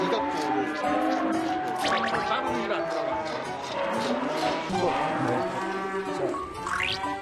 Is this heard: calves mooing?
yes